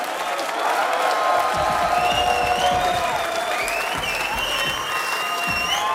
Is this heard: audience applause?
yes